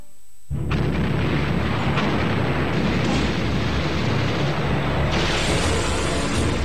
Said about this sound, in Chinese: 当日军演习的炮声愈发频繁地在耳边炸响，侵略者的野心已昭然若揭。